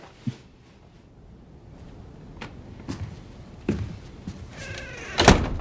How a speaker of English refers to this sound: Go inside and close the door.